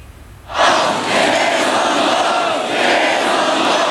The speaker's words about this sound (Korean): 밤늦은 시간 개표소 앞을 가로막은 채 격앙된 목소리로 외치는 사람들. 갈수록 인원이 늘어 수천 명이 이른 군중들이 밤새 재선거 요구 시위를 이어갔습니다.